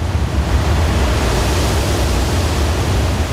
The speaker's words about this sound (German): Der Manavgat-Fluss erzeugt zwei tosende Wasserfälle